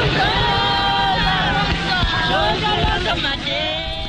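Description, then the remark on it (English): A large crowd gathered outdoors at the back entrance to the Pretoria court, South Africa, watching the accused being driven away to start their life sentences, fills the air with a loud, continuous hubbub of many overlapping voices, with scattered shouts and calls rising above the steady murmur throughout. “At the back entrance to the Pretoria court, large crowds gather to watch the accused being driven away to start their life sentences.”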